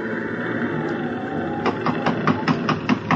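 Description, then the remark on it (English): Around eight quick, sharp knocks from the chief, McTavish, rap on the mate's cabin door aboard a ship in a rising sea, in a steady rhythm, beginning halfway through and riding over a constant low rumble of wind and sea. “Who's there? It's McTavish, Mr.”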